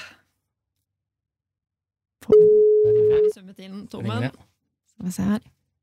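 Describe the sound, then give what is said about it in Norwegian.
One steady, one-second telephone ringing tone sounds on an outgoing call dialed on the P5 Hits breakfast radio show, with faint voices underneath, then clear conversation begins after a short pause. “Skal vi bare prøve å ringe da?”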